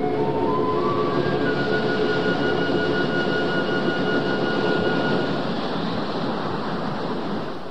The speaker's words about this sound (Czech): Pozor! Velká vlna! běžte se, chyťte se, čeho můžete!